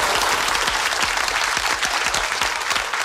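Steady, dense audience applause for a performer's comic and dramatic talent fills the whole stretch, loud, with many hands clapping at once in a continuous wash and no voices standing out.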